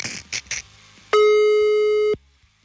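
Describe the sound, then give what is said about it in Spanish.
A few quick clicks from dialing a listener's number on the 100.1 FM radio show, then a single steady telephone ringing tone that sounds for about a second, clear, before cutting off into near silence. “Vamos a escuchar los tonos si lo tengo bajo.”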